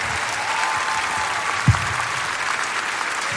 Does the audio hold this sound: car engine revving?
no